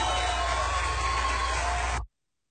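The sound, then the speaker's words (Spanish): A crowd applauds and cheers in a dense, steady wash of clapping and shouts, loud, lasting about two seconds before cutting off abruptly into silence. “Levanta tu aplauso.”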